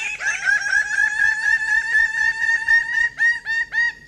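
A bird of paradise calls in a rapid series of harsh, nasal, harmonic notes, loud and continuous at first, then breaking into separate clucking bursts toward the end. No one speaks.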